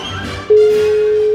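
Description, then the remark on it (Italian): A steady, loud telephone ringing tone, the first ring of a call, begins halfway through and holds as one continuous pure note to the end, following a brief stretch of low background noise. “Primo squillo.”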